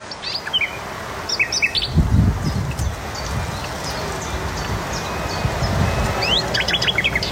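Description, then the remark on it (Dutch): A nightingale sings in the dunes at Noordwijk, Netherlands, in varied, rapid phrases of whistles and chirps, joined by other birds calling around it, over a steady outdoor background with low rumbling thumps. “De nachtegaal in de Noordwijkse duinen. Die is al goed bij stem, die nachtegaal.”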